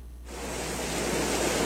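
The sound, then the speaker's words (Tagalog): Sea waves rush in a steady, broad wash of surf noise that swells up after a brief quiet start and holds loud, with no voices. “Iyon ani ang dagat sa tubig mga kaigsoonan mo ni subay sa kwadalan.”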